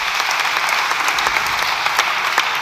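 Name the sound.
parliamentary applause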